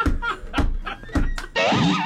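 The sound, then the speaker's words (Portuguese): A door is shut with several dull thumps and rattles in quick succession, followed by a high wavering creak or squeal. “Preciso trancar essa porta.”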